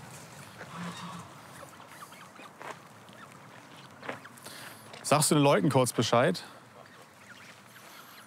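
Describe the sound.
Several geese of a goose family with young birds honk loudly in a quick, agitated burst of overlapping calls lasting about a second, after a man speaks briefly over a quiet outdoor background.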